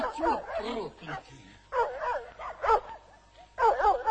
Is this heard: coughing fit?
no